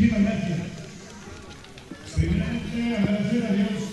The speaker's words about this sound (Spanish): Venga, bien fuerte los aplausos.